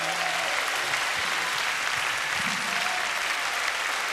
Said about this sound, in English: Amen. Come on, one more time. Give him a hand clap.